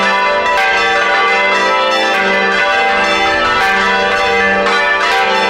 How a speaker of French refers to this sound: Ils sont quatre dans la vidéo à faire sonner les cloches comme ça. Et j'ai pris la vidéo sur les cloches de l'église Saint-Rémy de la Garde de Lauragais.